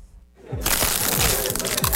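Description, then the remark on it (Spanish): Loud crunching of crisp Crunch tortilla chips being bitten and chewed, with dense crackly bursts repeating for a couple of seconds after a brief quiet start. “La nueva tortilla chip más crujiente y deliciosa que he probado.”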